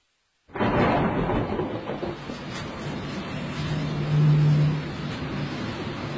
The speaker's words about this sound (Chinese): 主播，下雨了。 下雨好呀，雨水可以把我们的气味冲得干干净净的。